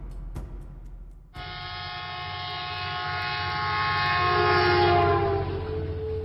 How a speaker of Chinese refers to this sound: 火车从微光里穿出，四下弥漫起薄薄的尘雾，远远的地平线上渐渐出现了密集的民居。